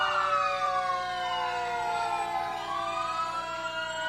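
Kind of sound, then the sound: vehicle, fire engine siren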